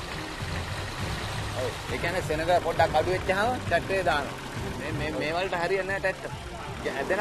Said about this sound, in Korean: 그물의 길이는 약 1km. 배를 중심으로 U자 모양으로 투망을 한 후 그물의 양 끝을 밑으로 가져갑니다. 모래사장이 나타난 트랙터로 그물을 끌고 가는데요.